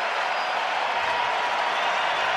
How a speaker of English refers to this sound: And the crowd being asked to be loud. And they are.